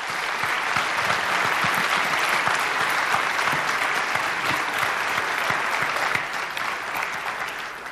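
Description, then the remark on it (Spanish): Sustained applause from an audience for a team, given in the afternoon at the speaker's request: a dense steady clatter of many hands clapping at an even loudness for the full stretch, with no voices standing out. “¿Y por qué no les dan un aplauso, por favor?”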